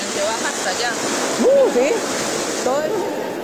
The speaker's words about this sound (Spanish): hace dos semanas el dique que estaba colocado en el río Siquirres colapsa y es que genera este cauce alterno por donde está bajando ahora el agua